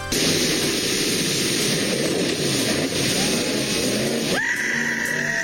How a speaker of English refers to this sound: Police and conservation officers say that they are looking into a viral video that shows a man launching his speedboat off of Lundbreck Falls in the Crow's Nest Pass.